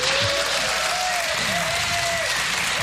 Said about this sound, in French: Cher public du Blues Café, merci de faire un tonnerre d'applaudissements